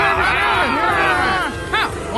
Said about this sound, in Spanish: Pero la multitud siguió gritando cada vez más fuerte. ¡Crucifícalo! ¡Queremos que muera!